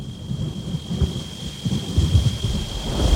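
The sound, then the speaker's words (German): A thunderstorm with deep, rolling thunder rumbling continuously beneath a steady hiss of rain, fairly loud and building slightly toward the end; no voices. “Ich hoffe, sie führt uns jetzt nicht in ein Unwetter.”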